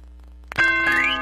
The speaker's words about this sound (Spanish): Las campanas ya están sonando